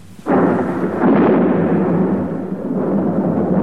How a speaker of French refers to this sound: Dans son hôtel particulier, madame de bonne famille, réveillée par le fracas de l'orage, s'est levée en hâte pour voir si tous ces gentils minets ne sont pas trop effrayés.